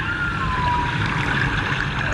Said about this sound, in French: Bouche bée, installés à leur table d'écolier, la trentaine d'élèves de cette classe de CM2 écoutent religieusement l'enregistrement d'une baleine à bosse réalisée au large de Dakar.